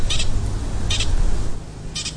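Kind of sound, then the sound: animal, pika chirping alarm call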